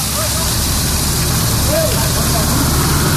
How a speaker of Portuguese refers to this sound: Olha, vazamento de água na rua Atos Tomás Ferrátil, em frente ao número 300, Capão Redondo. Mas, gente, é muita água que está jorrando, formando aquela super ducha assim pro alto, jogando água pro alto, cano estourado certamente